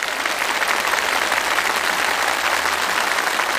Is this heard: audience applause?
yes